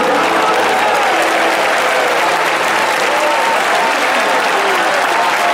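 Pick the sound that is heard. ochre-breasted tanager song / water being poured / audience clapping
audience clapping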